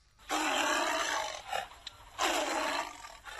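A tiger roars twice, each a loud, rough, drawn-out blast lasting about a second, with a short pause and a brief grunt between them. No one speaks.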